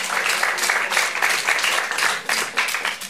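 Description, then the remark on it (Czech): An audience applauds steadily for about three seconds, a dense, bright wash of many hands clapping at an even loudness with no voices on top. “No ne, nejsi sama, potlesk to stvrzuje.”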